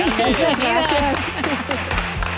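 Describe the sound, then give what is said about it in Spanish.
An audience applauds steadily to welcome a Spanish pop duo, a dense wash of clapping mixed with cheering voices and shouts, loud and continuous for a couple of seconds. “Pues un aplauso”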